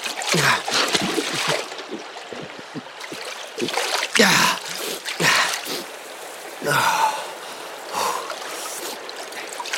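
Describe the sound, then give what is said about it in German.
Water splashes and sloshes in a stream as a man dips his head under the surface, with repeated bursts of splashing over a steady watery rush, fairly loud, with no one speaking. “Das Wasser tränkte seine Kleider, als er den Kopf unter die Oberfläche tauchte.”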